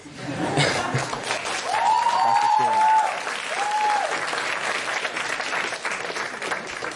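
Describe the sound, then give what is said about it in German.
Sustained applause from a show's audience during a debate fills the whole stretch, a dense wash of clapping that swells early and holds steady, with a few brief whoops or calls rising above it. “Ich glaube, wir finden da jetzt erstmal gerade im Zwiegespräch keine Lösung, aber du hast ja das Publikum bemerkt, sie sind auf jeden Fall auf deiner Seite.”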